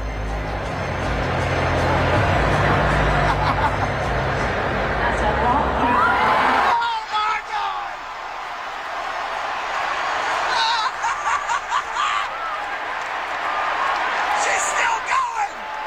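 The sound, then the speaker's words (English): A loud, dense crowd roar with cheering and whoops at a singing performance in a video fills the first six seconds, drowning out the singer, then drops to a softer murmur of voices with scattered shouts and bursts of chatter. “The crowd's way too loud.”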